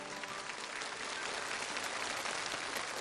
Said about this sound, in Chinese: 再次把掌声送给我们台上所有的这些留学生朋友们，欢迎你们。